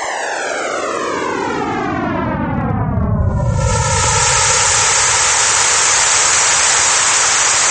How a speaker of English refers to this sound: sound waves from the early years of our universe